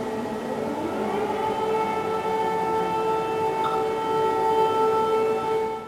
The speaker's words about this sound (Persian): آژیر خطر در قلب سئول. اینجا هتلی در منطقه سونگپاگو هست، جایی که نیروهای نظامی، پلیس، آتشنشانی و کارمندان خدمات اضطراری سناریوی یک حمله همه جانبه شامل بمب‌گذاری، حملات کیمیاوی و تهدیدهای پهپادی را تمرین میکنند.